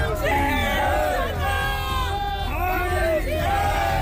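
A large crowd of Hindu groups, both Shiv Sena factions and BJP leaders shouts slogans in unison at Durgadi fort, in a yearly protest against the Durga Mata temple being closed during namaz. Voices rise and fall in rhythmic chanted bursts with strong harmonic pitch contours, loud and continuous over dense background noise throughout.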